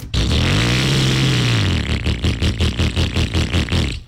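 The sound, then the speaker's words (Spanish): A loud AKT Motos motorcycle engine in an advertisement revs up with a rising, sustained whine, then drops into a rapid, rhythmic pulsing chug for the last couple of seconds, with no voices. “Acelera tu nueva AKT Motos.”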